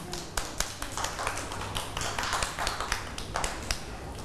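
A group of children clap their hands in a lively, uneven burst of applause, sharp overlapping claps sustained steadily for a few seconds at moderate loudness.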